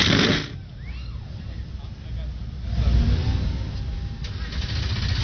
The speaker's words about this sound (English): The engines begin to fire. Trackside 38 NASCAR O'Reilly Auto Parts Series machines come to life.